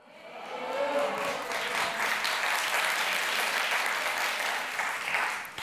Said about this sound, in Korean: 저희 팀 동생들이지만 오늘 정말 박수 100번 쳐주고 싶습니다.